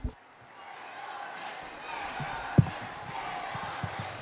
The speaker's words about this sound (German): Ja, in diesem Moment, wie Sie am Applaus hören, hat sich der Vorhang geöffnet.